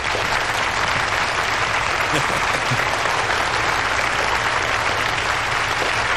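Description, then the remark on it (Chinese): Sustained audience applause at a Chinese New Year gathering in Ningjing Village, welcoming the honorary chairman to speak; a dense steady wash of many hands clapping at an even loudness for several seconds, with no pause or voice standing out above it. “大家掌声有请。”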